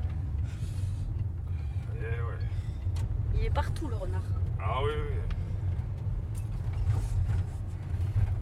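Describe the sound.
Steady low road and engine rumble fills the inside of a moving car, constant, while a couple of people talk briefly over it.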